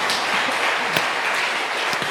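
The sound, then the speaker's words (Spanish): A crowd applauds for God after a prayer, a dense wash of many hands clapping at once with scattered sharper claps standing out, sustained at an even loudness throughout. “¿Y cuánto le damos ese fuerte aplauso a nuestro Dios?”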